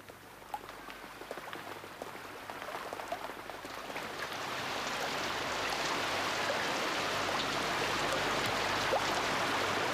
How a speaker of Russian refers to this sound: Начинается дождь. Мы прячемся в гулкий подъезд и, задыхаясь от быстрого бега, смотрим на улицу. Шумом падает вода по водосточной трубе, тротуары блестят.